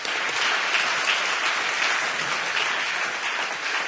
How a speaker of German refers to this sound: Ein kleiner Applaus noch für solidarische Magdeburg.